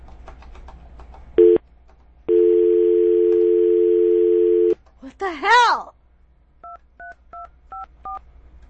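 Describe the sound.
A brief beep, then a steady telephone dial tone holds for a couple of seconds, followed by warbling electronic chirps and a quick run of six evenly spaced keypad dialing beeps, with a faint voice underneath.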